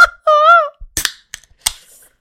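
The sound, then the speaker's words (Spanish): A beer bottle, the first of the night, being opened: a brief high, wavering tone, then a few sharp metallic clicks and a crisp pop as the cap comes off, with no talking. “Espérenme, déjenme, destapo la primera de la noche.”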